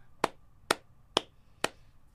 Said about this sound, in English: Where's the round of applause? She's not even trying. I'll just clap for myself.